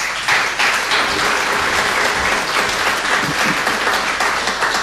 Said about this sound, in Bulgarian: Аплодисменти и за тях!